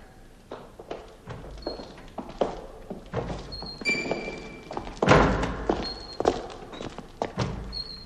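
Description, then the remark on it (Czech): A door bangs and thumps again and again at an irregular pace as the wind swings it open and shut, with short creaky squeaks between the knocks, one heavier slam near the middle, moderately loud. “To, co jsme zrovna slyšeli, byly dveře, které se větrem zavírají a otvírají.”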